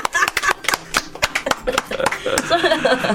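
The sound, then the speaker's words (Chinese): A quick, uneven run of sharp hand claps, a dozen or more crisp slaps in bursts, with voices and a bit of laughter rising underneath toward the end. “我要拍手。”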